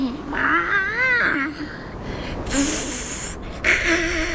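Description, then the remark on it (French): A male cat on a mountainside yowls in long, wavering, warbling cries as it approaches, one drawn-out call followed by shorter rising moans, with bursts of hissy noise between them and no talking. “Il s'approche et en plus, il chante.”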